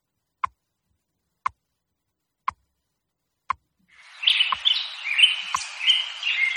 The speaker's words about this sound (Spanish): ya están por aquí los pajaritos de Radio Hora que nos indican que amanece oficialmente en Madrid en estos momentos